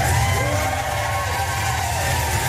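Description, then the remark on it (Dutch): A large crowd cheers and roars continuously, a dense, loud wash of many voices with scattered whoops, holding steady without pause, as Ukrainian President Zelensky is welcomed in London. “De Oekraïense president Zelensky werd met gejuich onthaald in Londen.”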